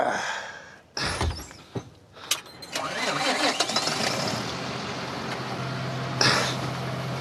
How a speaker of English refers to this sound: Right, so I start the engine? Yep.